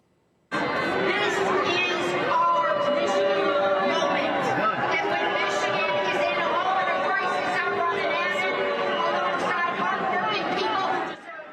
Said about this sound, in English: All right, so that's a recent convention in Michigan where moderate candidate Haley Stevens was, as you can hear, loudly booed for taking AIPAC money.